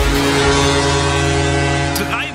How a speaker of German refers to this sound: Haben wir am Samstag das schönste Geräusch der Welt gehört, das Nebelhorn im Weserstadion.